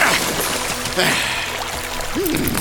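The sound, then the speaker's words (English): Horses wade through a stream near a forest, producing a continuous wash of splashing and sloshing water, with a brief voiced sound rising near the end. “I thought I saw a stream near the forest. The water may throw the brute off our scent.”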